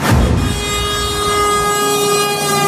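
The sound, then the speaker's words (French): A truck horn blares in one long, steady blast lasting a few seconds, loud, with a rich droning tone and no voices around it. “Camion.”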